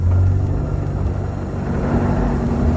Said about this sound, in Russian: Какая-то машина тяжело пыхтя брала подъем высокого холма.